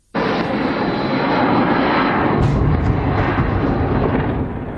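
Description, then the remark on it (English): Attack drones fired by Russia roar over Kyiv, Ukraine, at night, a loud, steady engine drone that kicks in abruptly and holds constant throughout, harsh, with no voices. “Russia fired 600 drones and nearly 100 missiles, mainly targeting Kyiv.”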